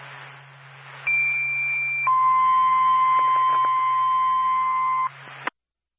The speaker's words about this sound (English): State Williston Fire Department, stand by for tone.